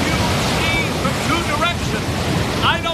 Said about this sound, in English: Captain, the waves are coming in.